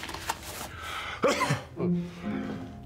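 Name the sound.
sneeze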